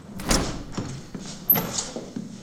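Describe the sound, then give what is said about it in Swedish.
The door to a youth recreation centre swings open with a broad whoosh and a couple of soft knocks and rattles, a brief high squeak near the middle, then settles into quiet background noise. “Han spelar biljard när dörren till fritidsgården öppnas.”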